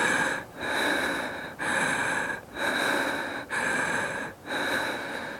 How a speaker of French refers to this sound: On inspire et on expire avec toi, tranquillement, voilà.